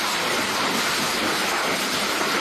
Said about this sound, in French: Le bruit de la pluie et des orages parfois violents, comme ici à Compiègne dans l'Oise, qui se sont déchaînés donc hier dans la nuit et dans la soirée, également dans de nombreux départements.